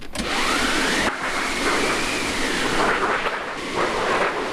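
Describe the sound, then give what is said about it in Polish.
A theatre wind machine on a stage, originally made for an earlier production of Balladyna and since restored, being cranked, giving a loud, continuous rushing whoosh whose hollow pitch swells and sinks in slow waves, with no voices over it. “To, co tutaj widzimy, jest to maszyna do wiatrów i grzmotownik tak zwany.”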